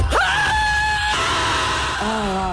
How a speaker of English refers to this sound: Or scream at the top of your lungs and call it healing. 1, 2, 3.